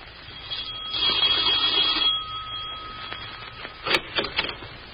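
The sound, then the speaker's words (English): A doorbell rings with a steady, high-pitched tone for about two seconds, followed by a few sharp clicks or knocks. “Marge had gone to a picture when the doorbell rang.”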